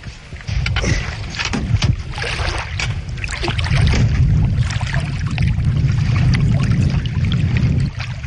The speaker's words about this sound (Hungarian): Fúj a szél, és lehet, hogy valami baj lesz.